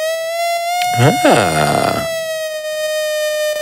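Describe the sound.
A steady, bright and buzzy sawtooth wave from the oscillator of an old synthesizer holds one pitch for the whole stretch, its harsh edge unbroken, while a voice briefly sounds over it near the middle.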